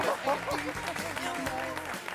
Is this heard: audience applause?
yes